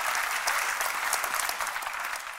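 Steady audience applause fills the whole stretch, a dense crackle of many hands clapping at an even, sustained level with no voices rising above it.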